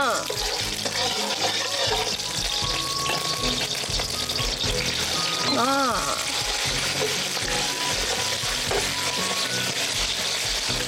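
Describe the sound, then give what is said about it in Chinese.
Pork belly sizzles as it is stir-fried in a hot wok with oil, for a softshell turtle dish, a loud, steady crackle lasting throughout, joined briefly midway by a faint tonal scrape or voice. “加入我们这个五花肉。”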